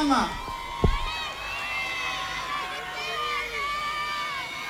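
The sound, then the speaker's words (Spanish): A crowd from the commune of El Bosque applauds and cheers steadily at an award ceremony, with many high overlapping shouts and whoops rising and falling over a continuous wash of clapping and hubbub, after a brief thump near the start. “Comienza ahora los aplausos del público y además la premiación”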